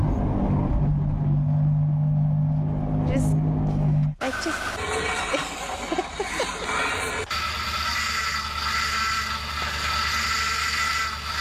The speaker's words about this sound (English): There's a bit of montage of all these rubbish cars that we've ever owned, probably one of our very first cars that we've ever owned, a cheap car, problem car. You're probably familiar with that and pretty triggered by some of those noises.